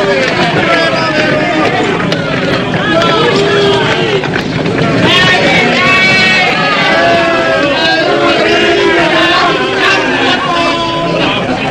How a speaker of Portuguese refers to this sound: Jesus é açoitado impiedosamente ao som dos berros ensurdecedores do povo.